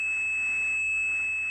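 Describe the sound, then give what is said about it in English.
A steady 2600 hertz telephone switching tone, used by telephone switching systems to signal that a call had ended, a pure high-pitched whine that holds unbroken and even for the whole moment, clear and alone with no voices. “And those systems used tones to tell one another what to do. And one of those tones, 2600 hertz, meant the call had ended.”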